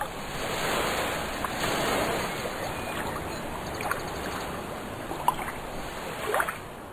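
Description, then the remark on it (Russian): Sea waves rolling in and breaking against coastal rocks, a steady hissing wash of surf with a few sharper splashes rising near the end, with no voices. “Морские волны, ударяясь о прибрежные камни, образовывали белую пену.”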